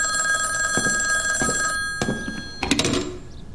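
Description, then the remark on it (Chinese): A telephone bell rings with a steady, bright metallic tone for nearly two seconds, then cuts off, followed by a few clunks and rattles like a handset being lifted. “喂，请接通太原绥署长官严主任的电话。”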